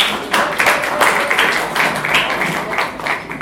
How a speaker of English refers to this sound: So, please, can we clap for it, please?